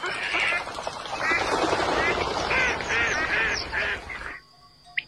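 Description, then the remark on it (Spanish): A dense chorus of ducks quacking continuously on the lagoons of the Mancha Húmeda wetlands in Spain, many birds calling over one another in a steady, busy wash of sound, with faint background noise, ending abruptly with a brief quiet tail. “Los patos de las lagunas de la Mancha Húmeda.”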